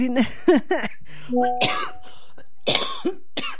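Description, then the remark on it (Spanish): A person coughs repeatedly, a run of harsh, raspy bursts in an irregular rhythm, some with a throaty voiced edge, separated by brief pauses. “Ay, no me hagan reír porque me alborotan mi tos.”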